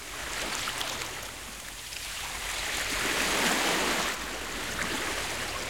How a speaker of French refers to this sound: Dans la boîte à trésors de Toudou, il y a un grand coquillage. Et quand Toudou colle son oreille dessus, il entend la mer.